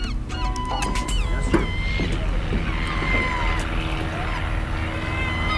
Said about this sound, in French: Alors, il y a quelques avions qui nous survolent, normal. Il y a un petit aéroclub ici, nous vole souvent.